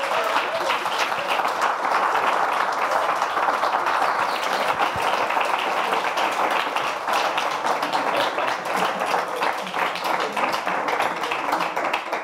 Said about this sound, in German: Dein Applaus.